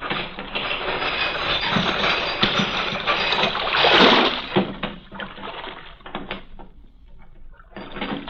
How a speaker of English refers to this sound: The chain that closes the mouth of the port at night is lowered.